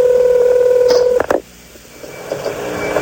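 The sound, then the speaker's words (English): Telephone keypad tones from dialing a 24-hour telephone entertainment line: a steady, mid-pitched line tone holds for about a second, then a few short beeps and clicks break in before the line drops to a faint hiss. “You dialed 24-hour telephone entertainment.”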